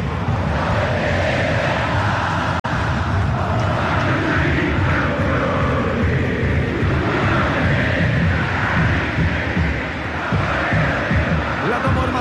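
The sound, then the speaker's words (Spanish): A large crowd of blue-team football supporters in Rancagua chants and sings together, a dense, steady roar with rising and falling sung phrases running through it for the whole stretch, with no single voice standing out. “Escuchamos ahora sí al hincha azul que canta y canta en Rancagua.”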